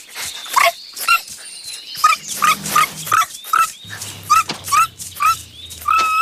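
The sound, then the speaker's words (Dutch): Super Woezel, a small cartoon dog, barks and yips repeatedly in quick bursts, mixed with high whimpering whines, fairly loud, with a low hum underneath in places. “Ga jij nou maar kijken of je iemand anders kunt redden, mal hondje.”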